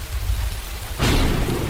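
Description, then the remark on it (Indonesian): Heavy rain pours steadily in Central Aceh, falling for four days and four nights, under a deep, rolling rumble of thunder, then surges suddenly louder about halfway through into a dense, roaring downpour. No voices. “Suara hujan deras mengguyur Aceh Tengah selama 4 hari 4 malam.”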